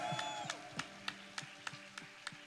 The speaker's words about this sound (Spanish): Vamos, sostiene fuerte ese aplauso al que vive, al que reina, al cual venimos a alabar y adorar en esta mañana, al que es merecedor de toda honra, toda gloria.